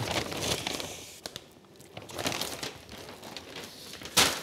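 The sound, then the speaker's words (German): Crisp paper crinkling and rustling in irregular bursts, with soft handling noises between and a sharp crackle near the end, as paper bags for online-shop orders from hotel and guesthouse customers are filled and folded. “Das sind die Online-Shop-Tüten für die Hotelkunden oder die eine Pension haben. Die packen wir zuerst, damit die rechtzeitig haben.”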